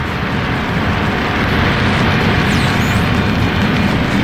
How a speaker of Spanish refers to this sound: El pequeño jet inicia el despegue. A velocidad vertiginosa se desliza por la pista de la isla, flanqueada por vegetación exuberante, y en pocos segundos inicia el vuelo.